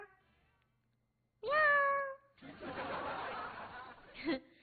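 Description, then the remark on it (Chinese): A person voices a single loud, drawn-out, rising-and-falling meow at a white kitten in Times Square, imitating a cat, followed by a breathy chuckling stretch of laughter-like sound. “他冲着猫叫的，他学猫呢，说喵，哎，跟小猫说了两个字儿，”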